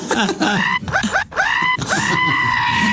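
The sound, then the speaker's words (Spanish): A voice imitates the pained scream of a man being circumcised without anesthesia as part of a rite of passage, with several loud, strained wails in quick succession, rising then sustained, with no speech between them. “¿Cómo grita?”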